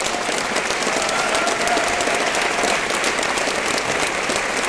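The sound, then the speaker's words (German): An audience applauds steadily on request, to signal that the next performers are about to start: dense overlapping claps forming a loud, even wash of sound that holds without letup for several seconds, with no one speaking. “Kann ich einmal einen Applaus hören?”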